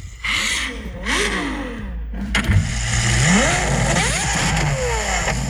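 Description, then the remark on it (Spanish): A high-performance Ferrari sports car engine revs repeatedly, rising and falling in pitch with a loud, raspy roar, steady low engine rumble underneath throughout. “¿El primero es Ferrari? Sí.”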